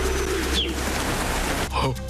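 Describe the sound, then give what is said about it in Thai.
A flock of hundreds of birds circling in flight, their wings making a steady, dense rustling wash, with a brief high call early on and a short burst of chirping near the end. “ินกเป็นด้วยร้อยตัวและทั้งหมดนั่นเป็นของปานามาครับ ผมทำให้นกมันบินวนๆได ้ โดยเสียงสูงๆนะ”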